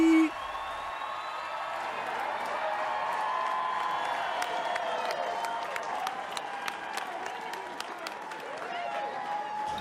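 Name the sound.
crowd cheering and applauding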